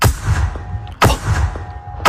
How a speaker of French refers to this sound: Les canons effaroucheurs, incontournables dans les champs pour repousser souvent des corneilles qui veulent se régaler avec des tournesols par exemple.